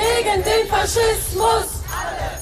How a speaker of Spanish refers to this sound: Ayer manifestaciones en Berlín contra el fascismo y eso gritaban.